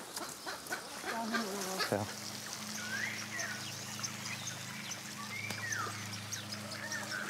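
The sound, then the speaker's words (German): A distressed, lame, weakened bird, likely a goose or duck, caught in a thicket and held by its neck, gives a few strained, rising honking calls, with rustling and scuffling around it and a low steady hum in the background. “fängt im Dickicht die fußlahme Luise und hält ihren Hals”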